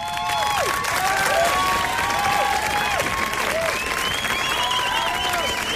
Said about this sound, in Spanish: Así que desde aquí queremos dar las gracias a Ana Griot por haber sido nuestra cuentacuentos oficial de Lean en la temporada número 15. Para siempre ya en nuestra historia. Toda la estación se pone en pie para aplaudirla.